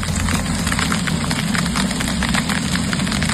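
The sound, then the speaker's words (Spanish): Golf-ball-sized hail from a storm pelts down in the afternoon in Casas Bajas, in the Valencia region of Spain, in a dense, irregular barrage of sharp clattering impacts, loud and continuous, over a steady low rumble, with no voices. “Es el sonido del granizo del tamaño de pelotas de golf que ayer por la tarde cayó en Casas Bajas.”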